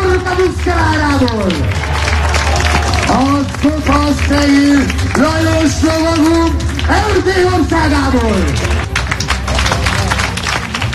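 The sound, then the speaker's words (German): An outdoor crowd applauds the horses and knights of a medieval spectacle at Burg Schümmeck near Lake Balaton in western Hungary, clapping steadily in a dense, continuous patter, while a loud, sustained voice rises and falls prominently over the applause throughout. “Ja, Applaus für die Pferde und die Ritter dieses mittelalterlichen Spektakels auf der Burg Schümmeck, nah am Plattensee.”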